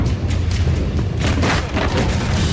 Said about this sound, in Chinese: 然而，当晚23:34，火灾引起集装箱内的易燃易爆物品发生爆炸。